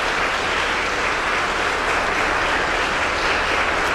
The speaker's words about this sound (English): And let's give him a round of applause.